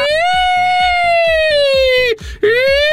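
A loud, steady fire engine siren wail holds one pitch, drifting slightly lower, then cuts off briefly and starts again, over a regular thumping beat underneath. It sounds like a toy fire engine siren.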